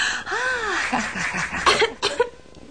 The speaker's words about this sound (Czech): Vidíš, Kitty, teď už můžeš kašlat, co srdce ráčí.